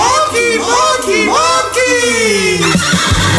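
A horse neighs loudly, a long quavering whinny that rises and then falls in several shaky, descending bursts over a few seconds, with a low steady hum underneath.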